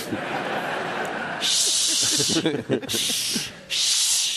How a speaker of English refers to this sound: Now all I hear is shushing. This neighborhood sucks. First it was screaming, now it's shushing. That's even worse.